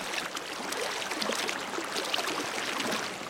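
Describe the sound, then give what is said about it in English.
Rapid Creek water rushes and burbles under a wooden train bridge in a steady, continuous wash of hissy noise, even in level throughout, with no voices. “stands under a wooden train bridge that crosses Rapid Creek.”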